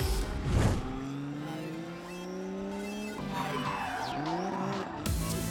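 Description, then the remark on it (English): A drift car's engine wails and shifts pitch as its tires squeal and skid, loud, with a burst of noise near the start and again at the end. No one speaks. “let's kick it into high gear as we check out some of these fire-breathing drift machines.”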